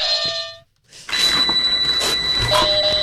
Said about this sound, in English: Get your buzzer. Oh, here's my buzzer.